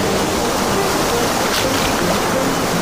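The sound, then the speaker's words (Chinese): A steady, loud wash of ocean surf fills the whole stretch, a dense rushing hiss of waves with no pause and no voices. “打毛巾，唤醒潮起潮落的记忆。”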